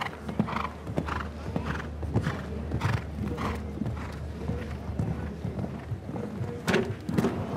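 A show-jumping horse gallops and jumps an upright fence, with a water ditch behind it, jumping too low. Its hoofbeats thud in a steady rhythmic pattern over low rumbling background noise, with a few sharper, heavier impacts near the end.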